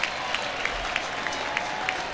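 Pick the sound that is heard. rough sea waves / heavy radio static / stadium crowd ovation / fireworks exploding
stadium crowd ovation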